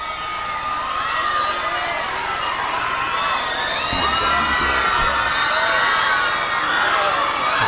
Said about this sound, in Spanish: El grito de las chicas.